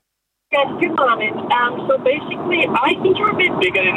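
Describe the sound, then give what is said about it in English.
A muffled, narrow-band phone voice talks continuously over a steady low rumble of car interior noise, the caller hard to make out against the constant road drone. “I can't hear what you're saying there. I think you're in the car.”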